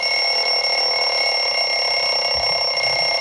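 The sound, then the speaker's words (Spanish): An old mechanical alarm clock rings continuously, a loud, steady metallic bell clatter that fills the whole few seconds without pause, with no voices over it. “El despertador viejo.”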